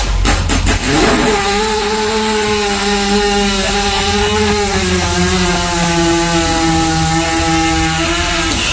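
A long, loud horse fart: a sustained, buzzing, low-pitched rasp with a steady tone that holds for several seconds after a burst of noise at the start. Nobody speaks.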